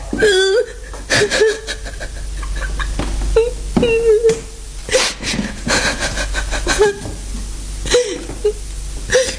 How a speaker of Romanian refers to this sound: Nu plânge. Te rog, nu plânge.